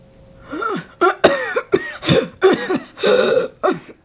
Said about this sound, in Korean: 터져나오는 기침에 손수건으로 입가를 가렸다. 길게 이어지던 기침이 잦아들자 손수건을 내리고 깊은 숨을 몰아쉬었다.